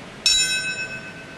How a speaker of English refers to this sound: The sound of a single bell at 9:03 last hour, the moment 25 years ago when United Airlines Flight 175 crashed into the south tower of the World Trade Center, 17 minutes after American Airlines Flight 11 crashed into the north tower.